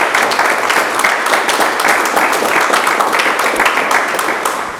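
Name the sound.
applause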